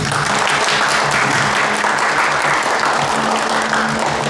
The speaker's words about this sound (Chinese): 来，鼓掌。